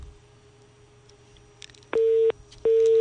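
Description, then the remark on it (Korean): Two loud, steady beeps of a telephone busy tone after a caller's line drops during a phone-in quiz, each lasting about a third of a second with a short gap between, over a faint low hum. “전화가 끊겼네요.”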